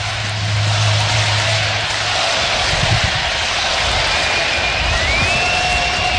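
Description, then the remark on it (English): A big baseball stadium crowd roars in a steady, dense wash of cheering, loud and sustained throughout with no one speaking clearly over it, and a faint rising whistle near the end. “Listen to this crowd.”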